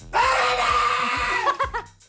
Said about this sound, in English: I also gave it a go, guys. I don't know whether you want to hear that. I was asked by the text line to scream peekaboo.